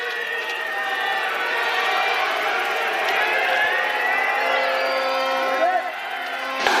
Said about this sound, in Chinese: 好，选手们出发，观众的喊声响彻山谷。